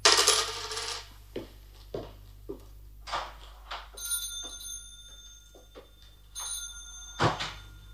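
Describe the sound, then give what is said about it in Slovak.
Two groše coins clink and jingle as they are handed over as payment for a knife, a string of irregular bright metallic taps, some leaving a high ringing shimmer. No one speaks. “Dva groše. Na.”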